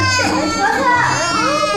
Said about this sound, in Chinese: 哎呀，这孩子哭的， 快点别哭了啊！